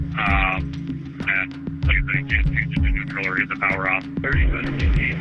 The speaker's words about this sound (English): I could hear like the resonance of the radio and that buzz that the radio makes.